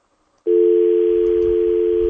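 A steady telephone dial tone switches on abruptly after a brief silence and holds at one unbroken pitch, loud and continuous, with a faint low rumble underneath.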